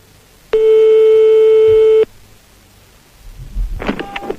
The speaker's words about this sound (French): Je ne résiste pas au plaisir de faire sonner, pour commencer, le petit fixe de notre ami marabout. Attention, on y va, c'est parti.